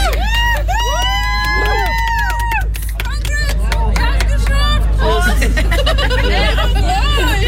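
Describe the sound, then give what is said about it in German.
A small group of friends cheer and whoop excitedly as walkers arrive at a music festival in Scheeßel, Germany, after walking 65 kilometres from Hamburg. Their overlapping shouts and chatter rise over a steady low rumble of outdoor crowd noise. “Ja, kaltes Bier, jubelnde Freunde und 65 Kilometer hinter sich.”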